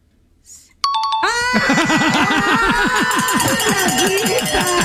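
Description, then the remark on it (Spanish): A stuck car window being rolled: after a brief chime, a loud squeaking starts and repeats in quick, rhythmic chirps that wobble in pitch as the glass drags against its seal. “Y yo te ayudé porque yo dije algo del carro, me sonaba algo del carro. Pero si sonaba tan fácil, sí, la ventana.”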